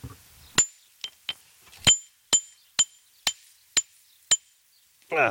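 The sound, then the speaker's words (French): A geologist's hammer strikes a hard river pebble about nine times, trying to break it, in a sharp, uneven series, each hit a bright metallic clink with a short ring, fairly loud; a voice briefly starts at the end. “Alors vous avez pris votre marteau de géologue, attention.”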